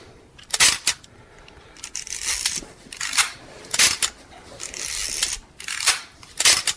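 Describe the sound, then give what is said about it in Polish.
A Zenit film SLR camera shutter fired repeatedly, each release a loud mechanical clack followed by the rasp of the film advance lever, at a steady pace. “Czuję to jak robić zdjęcie Zenit.”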